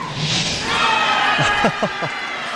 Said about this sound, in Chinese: 这声欢呼啊，是刚才德罗普金又一次秀一下自己的肱二头肌。